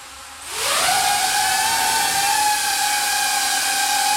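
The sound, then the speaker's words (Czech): The propellers of a drone with a camera on its front spin up from quiet into a loud, steady whining buzz with a rising pitch that levels off into a constant high hum. No one speaks. “My vidíme, že ten dron má vepředu kameru, to znamená, že sleduje všechno, kam letí, asi i předpokládám, že se dokáže třeba vyhnout nějakým překážkám.”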